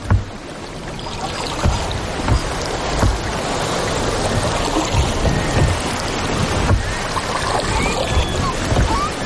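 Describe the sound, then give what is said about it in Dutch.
A small boat glides steadily over a coral reef in a shallow, warm sea in sunny weather of about 35 degrees, with continuous sloshing and splashing against the hull, a low engine-like rumble and some wind buffeting the microphone. No one speaks. “Oh, we glijden lekker over het water heen,”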